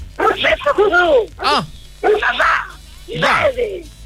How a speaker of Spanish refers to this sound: Cuidado con los perros. Amarra los perros, hombre. Amarra los perros, hombre.